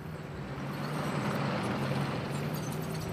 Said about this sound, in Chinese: 我们可以听见坦克加速前进的响声。我们以为这是己方的援兵，他们可能比计划提前到了。